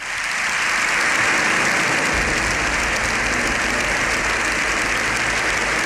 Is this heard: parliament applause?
yes